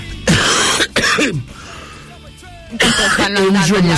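A few harsh, raspy smoker's coughs and throat-clearing bursts from cigarette smoking, separated by brief pauses, followed by a gravelly clearing of the throat with a rough, phlegmy edge.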